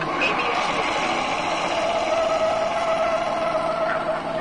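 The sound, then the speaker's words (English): A car brakes hard with anti-lock brakes during a braking test toward cones, a loud, steady rush of tire and road noise with a thin whine running through it for several seconds, without talk. “Okay, let's try it again, this time with the anti-lock brakes.”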